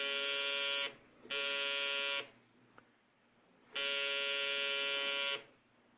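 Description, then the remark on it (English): A doorbell buzzes three times, a harsh, steady electric drone: two shorter presses in quick succession, a pause, then one longer press. No one speaks. “When someone did ring a bell, but it wasn't the kind of bell I had in mind.”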